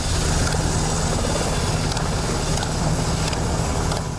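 A military helicopter roars steadily and loudly overhead during a Croatian special forces command exercise, its heavy engine and rotor drone holding at a constant level throughout, with no voices present.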